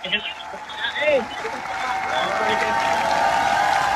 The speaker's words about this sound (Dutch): En ze komen nu, je hoort het aan het gejuich, terug het podium op.